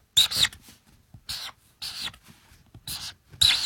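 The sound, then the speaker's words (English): Scratchy pen strokes on paper in short bursts as someone draws three birds, several quick scribbles separated by brief pauses, with a bright, hissy texture and no voices. “but I'm going to draw them how I drew them as a kid.”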